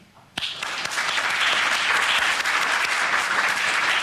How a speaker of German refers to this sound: ich würde sagen, wir klatschen jetzt mal für unser Podium hier.